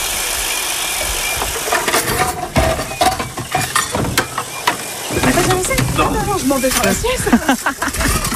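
Plates and dishes clink sharply and irregularly as dishes are washed with a sponge at an outdoor campsite sink in Saint-Léo, over a steady rush of running water and gusty wind, with people's voices chattering in the background.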